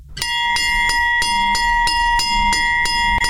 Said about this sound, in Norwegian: Den ikoniske Hjemmeis-klokke.